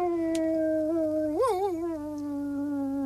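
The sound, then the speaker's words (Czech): A dog named Rek, sitting by a gamekeeper's lodge with its head up, howls at the moon in one long, sustained note that wavers and rises briefly midway before settling back, clear, with no talking. “U hájovny seděl pes Rek, hlavu vzhůru a představte si, nebojácně vyl přímo na měsíc.”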